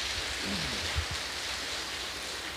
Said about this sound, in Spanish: Le damos un fuerte aplauso al Padre.